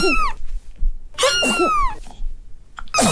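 A cat coughs and hacks in several raspy bursts, with strained, meow-like vocal tones between them. There is no speech.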